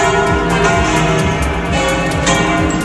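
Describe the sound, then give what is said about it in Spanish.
The bells of all the churches of Madrid, Spain, ring together in a dense, continuous peal to welcome Pope Leo XIV on his arrival, overlapping strikes blending into a loud, reverberant wash of clanging tones with no voices. “En ese momento todas las campanas de las iglesias madrileñas han empezado a repicar.”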